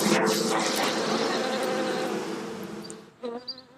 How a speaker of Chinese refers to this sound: 在土楼的四层楼板夹缝中，便是蜜蜂的家。 你看这个蜜蜂密密麻麻的，这起码得有几万只。